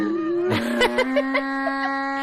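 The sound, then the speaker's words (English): A voice imitates a donkey's bray: a sustained, buzzy, nasal tone held for about two seconds, broken by a few rapid hee-haw-like pulses, moderately loud and alone. “Donkeys just sound like they're laughing.”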